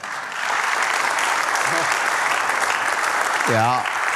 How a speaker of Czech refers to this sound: To chce potlesk.